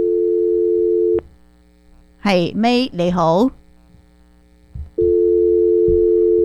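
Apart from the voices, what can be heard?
telephone busy tone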